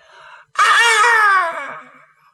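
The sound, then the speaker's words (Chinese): A voice imitates a woman's scream coming from within a grove of trees in the mountains: a short low cry, then one loud, piercing high-pitched shriek that slides downward and trails off into a fading wail. “正往大山里走着，突然听这个树林里头有女子的尖叫声。”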